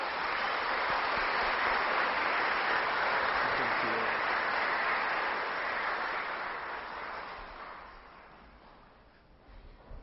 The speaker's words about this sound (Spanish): Vamos a darle un fuertísimo aplauso.